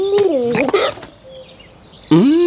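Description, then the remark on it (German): A voice imitates a hiccuping dove: a few loud, gulping coos with abrupt hiccup-like jumps, then a short quiet pause before another hiccuping coo. “Aus dem Biegel wird eine hixende Taube.”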